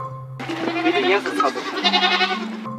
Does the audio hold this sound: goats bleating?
yes